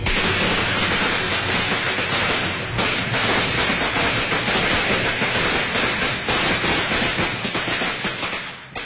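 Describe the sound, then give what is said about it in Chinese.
A long string of firecrackers, thrown from inside a house out the door, goes off in a loud, rapid, unbroken crackle of sharp pops that keeps up for several seconds before thinning near the end. There is no talking. “唯有沈绿爱在吓了一跳后立即冲进房间，从柜中拿出一挂鞭炮，从屋里扔出门外，摔给赵继克说，放。”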